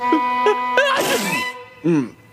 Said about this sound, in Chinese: 不知怎么了，我一直在打喷嚏。